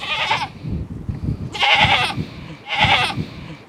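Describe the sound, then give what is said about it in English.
A goat on a farm bleats three times in quick succession, each call loud and quavering, with low rustling and shuffling noises filling the gaps between cries. “The goat's bleating.”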